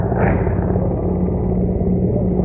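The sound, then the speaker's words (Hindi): Mi-17 helicopters showering flower petals fly overhead above the ramparts of the Red Fort, making a loud, steady, low rumbling roar that fills the whole stretch, with a droning hum running through it and no voices. “और इस समय आकाश में जो स्वर हमें सुनाई दे रहे, ध्वनि सुनाई दे रही है, वो उन हेलीकॉप्टर्स की है जो पुष्प वर्षा करते हुए लाल किले के प्राचीर के ऊपर से गुजर रहे हैं और लोगों की निगाह उसी आसमान की तरफ है।”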